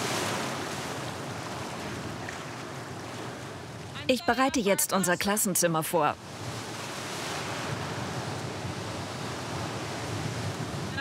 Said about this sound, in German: Ich sehe keine gefährlichen Unterströmungen. Es gibt nur viele Wellen. Aber ist schon okay.